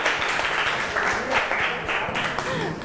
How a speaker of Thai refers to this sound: เก่งมากครับปรบมือให้เพื่อนกลุ่มหนึ่งมา